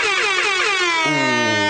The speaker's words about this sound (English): Ooh, loads of air horns. Right. An air horn will always make me laugh.